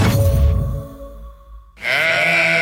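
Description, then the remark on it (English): A sheep bleats loudly, a wavering call that fades out, followed after a brief lull by a second strong, nasal bleat with no voices. “An important change is coming for sheep and goat owners in New South Wales.”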